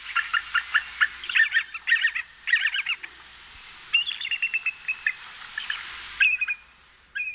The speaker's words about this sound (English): And here is our avian national emblem, the bald eagle.